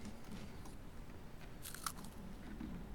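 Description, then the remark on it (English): Crisp crunching as someone bites into and chews a cookie, a steady run of dry crackly bites with one sharper snap partway through, no talking. “Well, this is a marvelous cookie. Sweet with an excellent crunch.”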